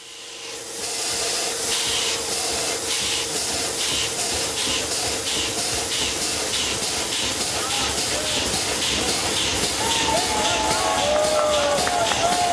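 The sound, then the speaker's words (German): A repaired, restored steam engine, its cylinder driven by compressed air rather than steam, puffs steadily, its rhythmic bursts of hissing air repeating about twice a second over a constant roar, with faint squealing tones creeping in toward the end. “2015 war es soweit und die reparierte Dampfmaschine konnte ihre ersten Schnaufer machen.”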